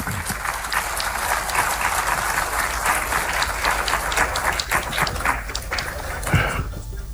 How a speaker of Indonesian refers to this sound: Jadi saudara-saudara sekalian, untuk itu saya memberi penghargaan khusus kepada pimpinan dari Danantara, ya, dengan seluruh timnya, seluruh jaringannya. Silakan berdiri. Kita tepuk tangan.